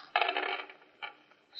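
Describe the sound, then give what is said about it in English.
A quick clattering rattle of dice rolled in a backgammon game, tumbling onto a hard surface, a dense burst followed by a couple of smaller clicks as they settle, with no one talking; the roll comes up 6-5. “Well, wait until the district attorney hears about the district attorney and his crooked dice.”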